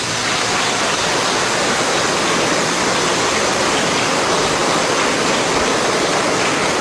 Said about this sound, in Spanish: Démosles un aplauso.